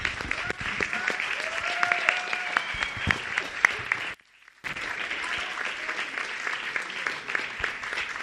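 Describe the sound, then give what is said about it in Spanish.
Sustained audience applause after a panel discussion, a dense wash of many hands clapping, fairly loud and steady, with a brief drop to near silence midway before the clapping resumes. “Redoblamos el aplauso por este panelazo espectacular.”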